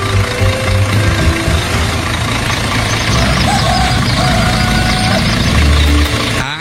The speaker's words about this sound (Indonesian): Uniknya lagi, kendaraan yang dipilih bukan mobil mewah, melainkan sebuah truk dengan bak terbuka yang siap mengangkut para penumpang, lengkap dengan cerita, tawa, dan tentu saja gosip yang akan mengiringi perjalanan sepanjang jalan.